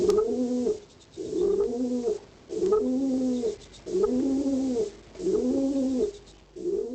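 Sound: pigeon cooing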